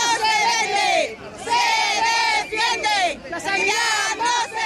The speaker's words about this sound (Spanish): Al grito de la sanidad no se vende, se defiende, o las listas de espera nos desesperan, unas 1.500 personas se manifestaban este sábado en Santander para defender la sanidad pública en Cantabria.